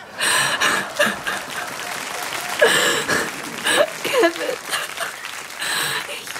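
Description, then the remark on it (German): A studio audience applauds steadily for several seconds, a dense, fairly loud wash of clapping with scattered voices and brief cheers rising through it. “Das ist jetzt aber einen Applaus wert, oder?”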